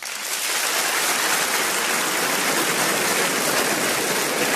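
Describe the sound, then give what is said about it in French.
An audience breaks into steady applause in answer to a question asking who among them is obsessively tidy. The dense, even wash of many hands clapping swells quickly and holds at a loud level for several seconds without any voices. “Par applaudissement, d'ailleurs, qui ici est plutôt maniaque ?”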